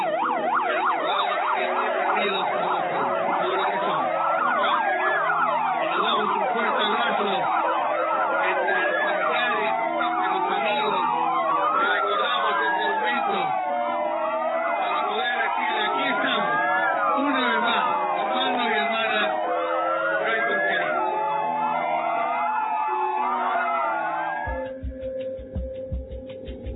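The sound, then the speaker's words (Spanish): Several sirens wail at once in overlapping rising and falling sweeps, loud and sustained for nearly the whole stretch before cutting off abruptly near the end. “Entonces en este momento que escuchamos esa sirena que nos recuerda también la unión que tuvimos como pueblo”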